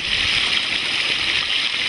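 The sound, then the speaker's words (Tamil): Water rushing steadily through a shallow channel in a farm field, a continuous hiss with faint gurgling underneath, no voices. “இப்பதான் தண்ணி ஓட்டமா ஓடுது.”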